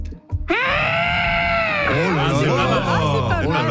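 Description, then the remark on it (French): Someone imitates an elephant's trumpet with a loud, brassy, high-pitched vocal blare that holds steady for over a second, then wobbles and breaks into a warbling, groaning cry. “fais-moi ton éléphant.”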